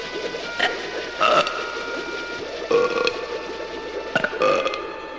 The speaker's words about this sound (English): You gotta burp, Charlie. It's the only way. Attaboy. Burp again.